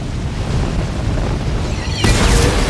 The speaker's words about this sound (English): She shoots. The arrow activates 2 large jets of fire, which incinerate the street below.